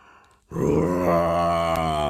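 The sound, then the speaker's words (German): After a brief quiet moment, a loud, deep, drawn-out lion's roar swells in and holds steady, a growling, groan-like bellow that sounds like a human voice imitating the roar. “Brüllte er: Ich bin schön und gewaltig.”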